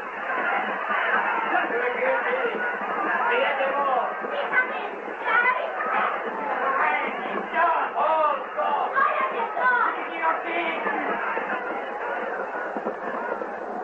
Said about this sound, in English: The tumbril drew nearer the square. The crowd cried out in fury.